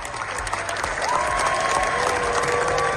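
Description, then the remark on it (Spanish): A large audience at the Cannes Film Festival gives a sustained ovation for the Spanish film La Bola Negra by Los Javis, dense steady clapping that swells slightly after the first second, with a long, level whistle-like tone riding over it. “La Bola Negra de los Javis ha recibido la segunda ovación más larga de la historia del festival.”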